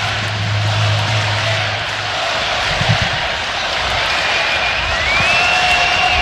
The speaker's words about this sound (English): Listen to this crowd.